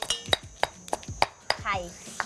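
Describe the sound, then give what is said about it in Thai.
A pestle pounds Thai curry paste in a mortar for making hor mok, in the Sai Thong community: about eight sharp, knocking thuds at a steady, brisk rhythm, with a faint voice briefly heard between strikes. “ระหว่างที่มะตำตัวพริกแกงนะคะ”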